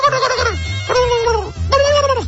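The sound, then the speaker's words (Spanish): Turkeys gobble loudly, three rapid warbling bursts in quick succession with brief gaps between, a low rumbling background underneath and no talking. The turkeys, about 1,000 or more, are being raised in a corral at Agencia Roy for December banquets. “Ya están con los pavos, la raza ahí de la agencia Roy, nomás oye así.”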